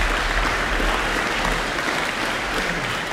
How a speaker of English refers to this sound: Oh, they got a lot of applause there. It's still going. Let's give them a bit more of a hand.